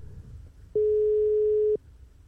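A single telephone ringing tone on a call to the next listener who signed up, one steady, clear mid-pitched beep lasting about a second, set against a faint low background rumble.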